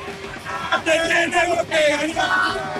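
An Argentine football fan yells and cheers: loud, sustained shouts and whoops with strained, harmonic voices rising over a dense background of crowd noise.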